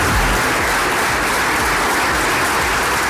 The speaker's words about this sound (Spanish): La ovación con la que ha sido recibida la alcaldesa Noelia Arroyo, la presentación del plan industrial de la región de Murcia en el CIN, en la Universidad Politécnica de Cartagena